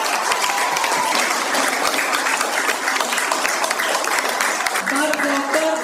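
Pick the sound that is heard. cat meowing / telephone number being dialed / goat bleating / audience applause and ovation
audience applause and ovation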